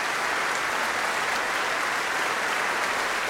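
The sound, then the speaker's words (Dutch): A large crowd applauds steadily after an encore by the ensemble L'Arpeggiata in the Grote Zaal of Tivoli Vredenburg, with the performers bowing and Christina Pluhar clapping toward the audience; dense overlapping clapping at a constant, fairly loud level with no voices standing out. “En Christina Plohar klapt ook naar het publiek toe.”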